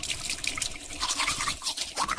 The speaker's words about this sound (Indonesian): sikat gigi